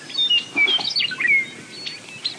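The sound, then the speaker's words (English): A meadowlark sings a run of clear, fluting whistled phrases that slide up and down, bright, with other faint bird calls of the dawn chorus overlapping in the open air on a clear May morning on the grassland plains of eastern Montana. “You can't turn in any direction here without seeing a meadowlark singing atop a shrub or fence post.”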